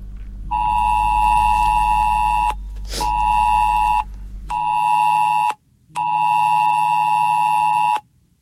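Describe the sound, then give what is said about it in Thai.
A loud, harsh electronic alert tone sounds in four long blasts of roughly one to two seconds each, separated by short gaps, with no one speaking: a cell broadcast emergency alert sent as a drill in southern Thai provinces such as Nakhon Si Thammarat, Surat Thani and Chumphon. “ถ้าเกิดว่ามีสัญญาณเสียงแจ้งเตือนนะครับที่เป็นระบบเซลล์บอร์ดแคสต์นะครับตื้อตื้อตื้อแล้วก็มีข้อความแจ้งเตือนนะครับก็ขอว่าเป็นการซ้อมนะครับท่านผู้ฟังครับ”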